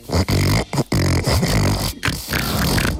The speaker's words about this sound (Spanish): Eso es un cerdo de verdad, lo que nos está poniendo. Eso es un cerdo carpintero, que se parece mucho a lo que es la respiración esta invertida que hacen algunos perritos.